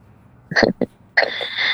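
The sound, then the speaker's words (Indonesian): A couple of short, rough coughs in quick succession from someone still coughing with flu, followed by a longer hoarse, raspy throat sound. No one speaks. “Ini saya juga masih batuk.”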